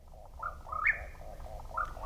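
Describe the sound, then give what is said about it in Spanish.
A Mexican whip-poor-will (Antrostomus arizonae), a nightjar also called tapacaminos, sings a series of rapid, burry whistled phrases that repeat in quick rhythm, clear and unaccompanied over a low, steady background rumble. “Es el chotacabras cuerpo ruin mexicano, también conocido como tapacaminos. Nombre científico, Antrostomus arizonae.”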